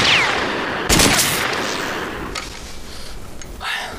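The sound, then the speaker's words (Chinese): Three loud rifle shots ring out about a second apart, each sharp crack trailing off into a rumbling echo, with no voices in between. The rifle has no front sight and uses a telescopic sight for aiming, and the shots land badly off target. “我也觉着纳闷，刚刚我打了几枪也都跑了吧？”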